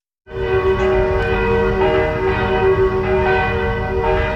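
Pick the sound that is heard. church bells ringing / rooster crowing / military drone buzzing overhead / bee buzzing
church bells ringing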